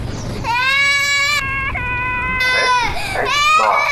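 A baby wails in long, high, strained cries, three sustained bursts with brief catches of breath between them, loud and insistent.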